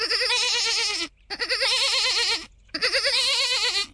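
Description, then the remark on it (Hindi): A large herd of goats blocking a small bridge and refusing to move bleats in three long, loud, quavering calls separated by brief pauses, each cry wavering in pitch with a nasal, trembling tone. No one speaks. “दरअसल किशोर और सरपंच जी बैलगाड़ी लेके छोटी वाली पुलिया से आ ही रहे थे कि अचानक पुलिया पर बकरियों का एक बड़ा सा झुंड आ गया और वो बकरियां अब वहां से हटने का नाम ही नहीं ले रही।”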